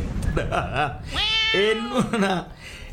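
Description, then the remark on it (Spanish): A human voice imitates a cat, giving a loud, drawn-out wavering meow that swoops up and down in pitch. A brief burst of speech comes just before it. “¡Se robaron el gato! ¡Miau!”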